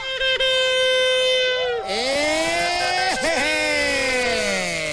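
A loud, sustained horn blast holds a steady, buzzy tone, then wavers and dips in pitch several times as it drones on for about five seconds, signaling the start of the "gasolinazo 2026" event at the Modelo gas station during a La Mejor FM 100.1 radio broadcast.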